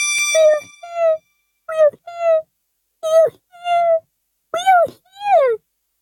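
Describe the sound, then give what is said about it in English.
A high, squeaky voice lets out a string of short wailing cries in quick pairs, imitating the tiny people of Whoville on the dust speck crying out loudly in fear. The cries are fairly loud and separated by brief pauses. “And down on the dust speck, the scared little mare quick called a big meeting in Whoville Town Square, and his people cried loudly. They cried out in fear.”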